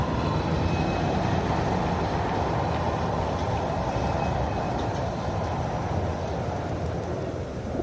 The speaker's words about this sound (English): And traffic noise.